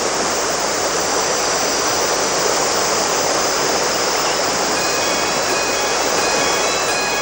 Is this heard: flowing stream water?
yes